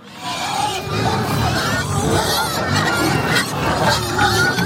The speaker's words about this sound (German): Ein saumässiger Lärm. Im wahrsten Sinn, weil es so tönt, wenn 35 Schweine darauf warten, dass es Futter gibt.